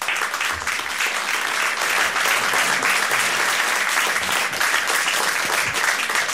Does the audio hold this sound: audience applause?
yes